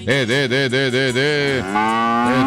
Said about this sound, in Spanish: Rebeca, Rebeca, Rebeca, Rebeca, Rebeca, la vaca del buñuelero.